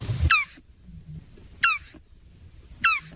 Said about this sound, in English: giving us the sound of a turtle, so maybe we can find out the difference between the two just based on the sound effect. Here is the turtle.